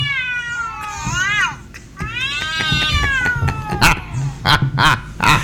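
A cat meowing sound effect: two loud, long, drawn-out wavering cries one after the other, followed by a few short, sharp bursts of noise.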